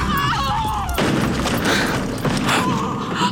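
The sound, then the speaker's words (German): A horse carriage drawn by black horses overturns on a bend by a statue of the Virgin Mary after its driver loses control: after a second of high, wavering tones, a sudden loud crash erupts into a sustained rumbling clatter of wood and metal, with further heavy thuds rising through the noise. “Allmächtiger, die Kutsche ist umgestürzt.”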